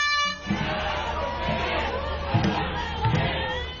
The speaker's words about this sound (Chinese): 一年一度的端午节，香港多区昨日都有举行龙舟竞渡比赛，参赛队伍随着鼓声和欢呼声乘风破浪。